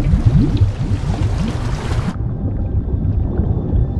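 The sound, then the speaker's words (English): Water bubbles and gurgles beneath Dumbledore's reach, continuously with low, rumbling bursts and rising burbles, fairly loud, the hissy upper layer cutting off about halfway while deep churning continues. “Harry's nervous gaze drops to the water, which bubbles beneath Dumbledore's reach.”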